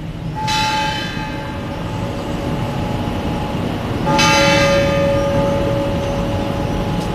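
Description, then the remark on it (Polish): A tower clock mechanism strikes the full hour with two loud, ringing bell strokes a few seconds apart, each leaving a long humming resonance that slowly fades over a low rumbling background. “O, tutaj w tle było słychać mechanizm zegarowy, który wybija nam pełną godzinę.”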